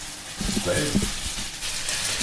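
Onions sizzle in a hot pan with a steady crackling hiss that runs the whole time, while a faint voice murmurs briefly underneath.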